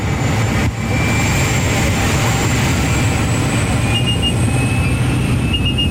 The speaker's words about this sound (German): Zusammengequetscht wie Sardine in der Büchse hocken wir mit etwa 10 anderen Leuten in farbigen Ganzkörperanzügen in einem munzigen Flugzeug. Es ist dermassen laut, man versteht fast sein eigenes Wort nicht.